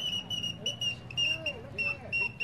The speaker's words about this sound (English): That's right, genuine all-metal whistling birds to delight the kiddies' hearts and make their eyes dance.